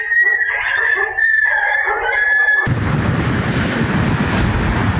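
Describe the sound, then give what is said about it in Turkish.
Stray dogs in Ordu bark and howl in loud, wavering cries while chasing a child who was trying to get home, then the sound gives way abruptly to a steady rushing, wind-like noise. “Ordu'da evine gitmeye çalışan bir çocuk sahipsiz köpeklerin saldırısıyla karşı karşıya kaldı.”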